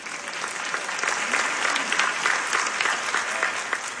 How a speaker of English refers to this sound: Okay, you can clap. Thank you.